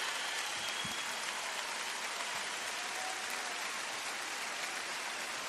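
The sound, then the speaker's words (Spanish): Steady, dense applause from an audience for Luna Bertoldi, a continuous crackle of many hands clapping at an even loudness for several seconds, with no voices on top. “¡Fuerte el aplauso para Luna!”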